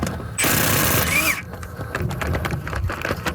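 Truck tire being changed: a loud, steady hissing whir lasts about a second, then gives way to irregular metallic clicks, ratcheting and clanks of tools working on the wheel.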